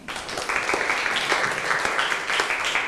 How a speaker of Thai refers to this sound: ขอบคุณค่ะปรบมือให้ทั้ง3คนหน่อยค่ะ